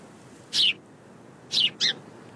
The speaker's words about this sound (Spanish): El pájaro trata de expresarse con música. Es un lenguaje mucho más sofisticado que el tuyo.